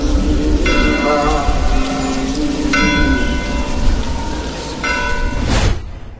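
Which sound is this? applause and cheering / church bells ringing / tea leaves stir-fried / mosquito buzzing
church bells ringing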